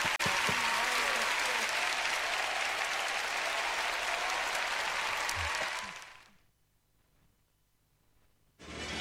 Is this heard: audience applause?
yes